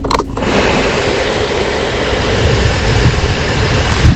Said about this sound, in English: That was the fan in my van going all day yesterday because I have no aircon.